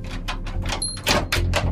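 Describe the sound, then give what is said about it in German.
A heavy cellar door swings open with a series of soft scraping, rustling bursts over a low rumble, and no real creak or squeal. “Komisch, ich hätte jetzt erwartet, dass die Kellertür quietscht.”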